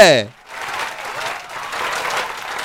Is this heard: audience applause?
yes